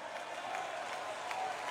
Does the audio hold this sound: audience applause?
yes